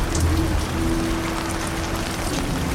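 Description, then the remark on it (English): Steady rain patters on a hard surface outdoors on a rainy day, a dense, continuous hiss of drops with a faint low hum running underneath and no voices. “Probably all coming out the ground now because it's rainy.”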